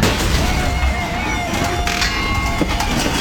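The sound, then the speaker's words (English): A malfunctioning garage door grinds and rattles loudly for a few seconds, with a continuous metallic rumble and thin, high-pitched squealing tones running through it. “Does your garage door sound like that? That's not normal. That's a failure waiting to happen.”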